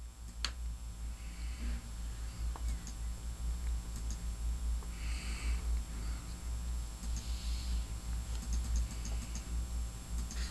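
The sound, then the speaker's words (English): Faint, scattered clicks of computer keys being typed, with a few sharper taps over a steady low hum, as someone uses the computer to make the print larger to read it. No one speaks. “Just making my, I'm using the computer to make the print a little larger so I can read it here.”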